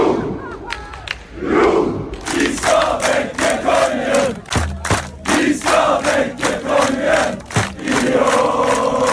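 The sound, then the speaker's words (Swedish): A large crowd of football fans cheers and shouts in the streets of Oslo at night after Norway beat Senegal 3-2, a continuous roar of voices with whoops and chanting bursts, loud and dense throughout, punctuated by a few sharp thumps or bangs. “Det var full fest och stormande jubel i Oslos gator efter att Norge slog Senegal 3-2 i natt.”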